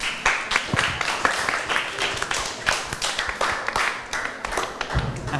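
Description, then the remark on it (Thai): Classmates in a classroom applaud steadily for a student group after its presentation: dense overlapping claps with sharp individual hits standing out, sustained at a fairly even level throughout with faint voices mixed in. “ปรบมือให้กับเพื่อนกลุ่ม6ขออภัยครับปรบมือให้เพื่อนกลุ่ม5อีกรอบครับ”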